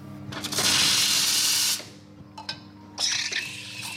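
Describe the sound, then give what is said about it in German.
A loud burst of hissing steam from a coffee machine being cleaned in a bookshop café in Prenzlauer Berg, Berlin, lasting over a second, followed by a few short clicks and clatters, then another steady hiss, with a low mechanical hum underneath throughout. “reinigt die Kaffeemaschine.”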